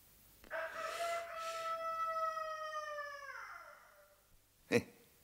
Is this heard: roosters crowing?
yes